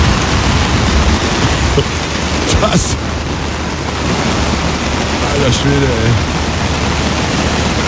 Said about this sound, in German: Das ist der Sound aus dem Zelt, ja. Also da ist gerade ein fettes Gewitter über Schäsel hinweggedonnert.